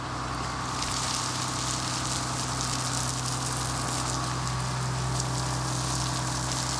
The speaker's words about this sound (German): So, werte Kollegen, der Regen wird gestartet.